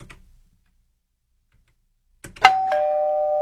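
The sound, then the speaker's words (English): After a brief silence, a doorbell rings with a sharp click followed by a two-tone ding-dong chime that sustains clearly and loudly to the end. “Next time your neighborhood Girl Scout rings your doorbell”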